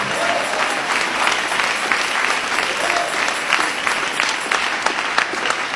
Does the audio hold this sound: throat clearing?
no